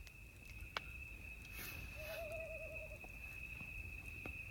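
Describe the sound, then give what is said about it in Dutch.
A single quavering owl call rises and wobbles for about a second, fairly faint, over a steady high insect drone and quiet night background with a few soft clicks. “En nog even deze. De uil.”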